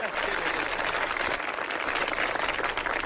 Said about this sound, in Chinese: 您说像您这么没皮没脸的跟观众直接要掌声，观众好意思不给你鼓吗？